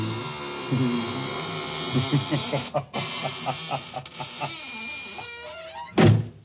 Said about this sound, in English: Well, now I guess it's really time to close that there squeaking door.